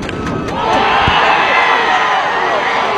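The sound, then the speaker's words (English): A baseball stadium crowd roars in sustained cheering after an 8th-inning home run by the Saskatoon Berries against the Regina Red Sox, a dense wash of voices and whoops that swells after the first half-second and stays loud, with a sharp thump partway through. “With the crowd behind you, it's no better feeling here in the crowd erupt.”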